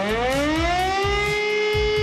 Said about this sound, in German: Heute ist nämlich Warntag. Bundesweit werden heute wieder die Sirenen der Feuerwehren getestet.